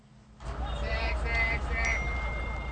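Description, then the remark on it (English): A couple of bright, chime-like phone notification tones ring out over a steady rumble of background noise, moderately loud. “notifications.”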